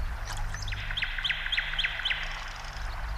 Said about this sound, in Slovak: Koho? No, predsa Slávika. Nepočuješ? Nepočuješ, ako krásne spieva?